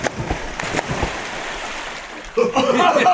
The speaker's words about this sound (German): Ihr macht was? Wir springen freiwillig ins Wasser.